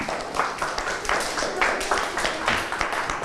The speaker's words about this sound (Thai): โอเคปรบมือให้เพื่อนครับ